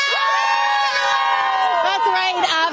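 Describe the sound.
A large crowd of hockey fans outside the Canadian Tire Centre, on the plaza known as Electric Avenue, cheers and shouts continuously before an evening game, with high whoops and voices blending into a loud, sustained roar that swells near the end.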